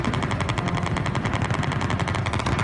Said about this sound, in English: A hail of bullets descending from a helicopter. Gunshots fired in the streets of Turkey, the crowd ducking for cover.